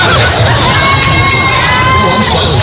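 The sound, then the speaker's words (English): A loud, dense crowd of women screams and shrieks continuously at a male singer, with sustained piercing cries cutting through the excited roar. “That's the first time I ever heard a woman screaming at a male singer.”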